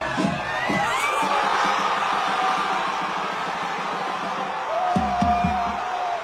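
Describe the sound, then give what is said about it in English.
A packed crowd of Argentina fans at a pub in Perth, Western Australia, erupts in sustained cheering and shouting as the whistle blows and Argentina reaches the World Cup final. It is loud and dense throughout, with high whoops and yells rising above the roar and a fresh burst of excited voices near the end. “That's a crowd at a pub in Perth recorded by Argentinian fan”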